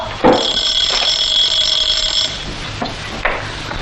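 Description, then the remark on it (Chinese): A telephone rings with a bright, sustained electronic bell tone for about two seconds, followed by a few sharp knocks and clatters with no voices. “啊，嘿，队长，上本中队长命令接电话。”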